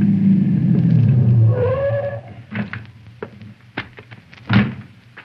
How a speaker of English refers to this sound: They were packing up their equipment to leave by the back door when around the curve, I saw Conestoy's car approaching.